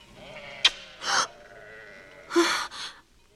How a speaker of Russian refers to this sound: А это овцы твоего отца Лавана.